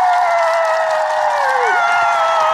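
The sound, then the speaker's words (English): The Muppets cheer loudly and without a break, a dense, sustained chorus of high, bright voices holding steady throughout, with one voice's pitch briefly sliding down about two-thirds of the way in. “The Muppets are cheering there”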